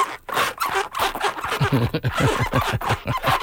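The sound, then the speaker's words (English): Big fat slides twist and scrape on a little plastic chair mat as someone dances doing the twist, making a busy run of squeaky, rubbing scuffs with short rhythmic bursts and no voices. “You dancing up a storm on top of your little plastic chair mat.”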